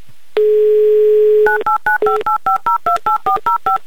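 A telephone call being dialed from a TV game show studio to a contestant in Lyubertsy: a steady dial tone holds for about a second, then a quick run of about eleven short touch-tone beeps, each a two-pitch blip, keyed out in an even rhythm with no one speaking.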